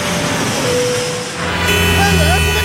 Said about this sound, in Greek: Καλησπέρα και σε εσάς, γλυκέ μου, κύριε που κορνάρετε. Σας ευχαριστώ τόσο πολύ που μου κρατάτε παρέα με τη μελωδική σας κόρνα ενώ προσπαθώ να παρκάρω.